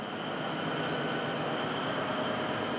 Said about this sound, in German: 5, 6, 7 Sekunden warten, was der Zug so macht. Ob wir dann noch mehr bremsen müssen oder wieder loslassen können. Geht alles sehr gemächlich bei der Eisenbahn.